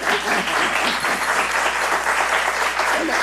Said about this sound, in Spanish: Vamos a repetir el aplauso en un momento más.